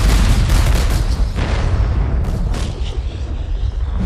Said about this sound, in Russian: И уже совсем скоро в Москве прогремит салют в честь войск Ивана Конева